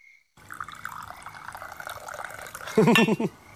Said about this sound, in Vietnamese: Công nhận, từ khi về dưới quê này á, mình rót trà giống như trong hoàng cung vậy á.